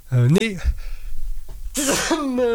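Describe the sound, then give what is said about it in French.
A single loud sneeze: a rising voiced 'ah' build-up, then a pause and a sharp hissing burst trailing into a short vocal tail. “Je vais éternuer, je m'en excuse.”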